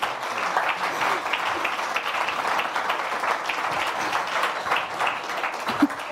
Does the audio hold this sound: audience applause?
yes